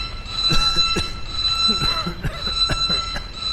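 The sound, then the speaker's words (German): A steady electronic alarm tone aboard a damaged ship drones continuously at a fixed high pitch, with several brief sharp clicks and bursts scattered over it and faint mechanical noise underneath. “schalte Alarm aus.”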